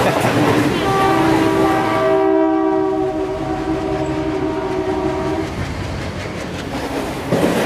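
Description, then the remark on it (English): An Indian long-distance passenger train, on a journey from Lucknow to Delhi, rumbles past while its horn blares in a long, steady, multi-tone blast lasting several seconds, then fades back into the rolling clatter of the carriages. “On long-distance journeys, Indian trains have air-conditioned carriages and sleeper compartments, which on hot days are worth booking in advance.”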